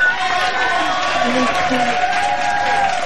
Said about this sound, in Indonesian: Dan kita di sini ada tepukan yang gemuruh